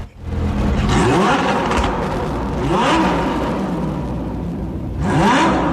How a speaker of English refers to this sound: Oh, it's pretty fierce, isn't it? I'll tell you what, I'm after you to identify what type of car, what type of vehicle that is. Well, it is a car, yeah.